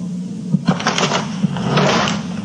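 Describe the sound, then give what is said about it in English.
An underwear drawer in a dresser slides shut, with a brief wooden scrape and a couple of light knocks over a steady low hum. No one speaks. “His underwear drawer is wide open. I know it's a small thing, but it drives me bonkers. Why can't the man close his own drawer?”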